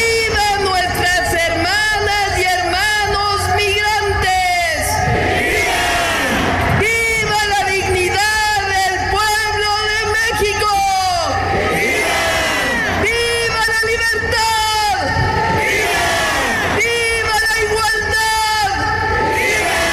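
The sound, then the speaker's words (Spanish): A large crowd shouts rallying cries together during central speeches by Sheinbaum Pardo, loud, the massed voices rising in repeated chanted bursts with no quiet moments throughout. “Y bueno, ya en las arengas centrales, Sheinbaum Pardo destacó la soberanía nacional.”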